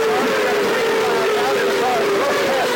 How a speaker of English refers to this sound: And here we are. We've got the cars coming down.